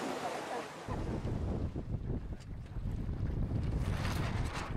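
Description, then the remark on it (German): Water splashes and laps steadily against a moving sailboat during sailing on the Inselsee lake in Güstrow, at a junior European championship in the Pirat class, with gusty wind rushing over the microphone throughout; no clear talking. “Nicht nur hier in Neubrandenburg, in Güstrow auf dem Inselsee, da wird gesegelt.”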